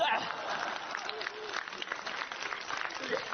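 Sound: audience applause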